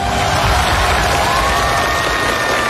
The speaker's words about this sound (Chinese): 掌声欢迎各位。